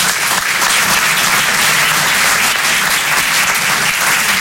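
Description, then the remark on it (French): Steady audience applause for heterosexuals, given as a quick poll, a dense, loud wash of many hands clapping at once with no pauses, sustained evenly throughout and no voices standing out. “Applaudissez les hétéros, tiens on va faire un petit sondage.”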